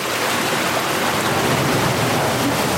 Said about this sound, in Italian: Var 400 litri d'acqua pro secondo mettono in movimento la roda e la in blech squitta.